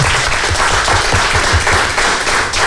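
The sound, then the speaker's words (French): An audience at a music school applauds the teenagers after their small concert, many hands clapping steadily in a dense, loud wash of sharp claps with no pause throughout. “Et on peut les applaudir, oui, c'était vraiment sympa.”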